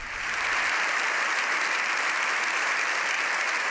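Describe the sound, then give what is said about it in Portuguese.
Sustained applause from deputies and senators standing in the Spanish Parliament's Congress after Pope Leo XIV's speech, a dense, steady wash of clapping that swells in the first half-second and holds at a constant level with no voices standing out. “A intervención do Papa León XIV diante do Parlamento Español, deputados e senadores agora en pé, aplaudindo esta intervención histórica do Papa diante do Congreso e dos senadores.”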